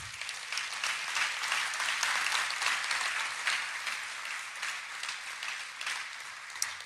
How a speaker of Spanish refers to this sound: Un aplauso para Dios.